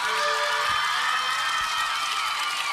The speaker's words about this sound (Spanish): Un aplauso, bien. Un aplauso para el mejor café, 8 años ya de trayectoria y la especialidad ahí es el café. Pastelería de elaboración propia. Juntémonos en el Ruda, abierto todos los días del año en la costanera de Matanzas. Aplausos para ellos.